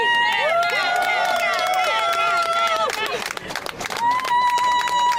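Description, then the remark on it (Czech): A crowd applauds and cheers loudly and continuously, dense clapping mixed with high shouts and whistle-like tones rising and falling throughout the whole stretch. “Je to určitě neskutečný, teďka vlastně můžem slyšet tady tleskání a všichni jsou nadšení.”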